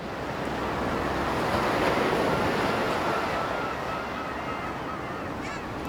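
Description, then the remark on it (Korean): Steady ocean surf washes continuously along a shoreline on Jeju, a broad, rushing roar with gusty wind noise and faint bird-like honks, no voices present. “그리고 일주일쯤이 지난 뒤 제주의 바닷가.”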